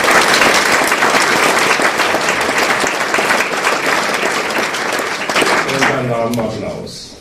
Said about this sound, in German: Applaus.